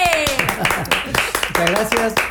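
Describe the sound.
Scattered hand clapping, brief, loud and irregular, sounds under voices talking over it as a group welcomes someone with applause.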